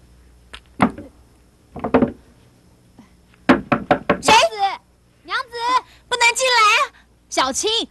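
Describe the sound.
Sharp knocking on a wooden bedroom door, a couple of separate raps, then a quick burst of several harder knocks, followed by a voice urgently calling for the door to be opened.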